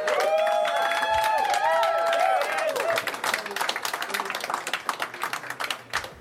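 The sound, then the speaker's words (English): An audience at the Yacht Club welcomes the headliner from Cedar Rapids, erupting in loud cheering with high, wavering whoops over the first few seconds, then settling into steady, dense applause that softens slightly toward the end. “All right, all the way from Cedar Rapids, give it up”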